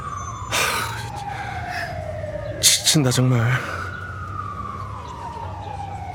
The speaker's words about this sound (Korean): 저놈의 사이렌 소리 지겨 죽겠네 진짜.